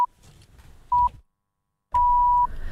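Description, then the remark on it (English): RNZ radio time signal pips before the 9 a.m. news: steady, high electronic beeps, a couple of short ones spaced about a second apart, then a longer final tone, over a low rumbling background murmur. “We'll go back to the pip, shall we?”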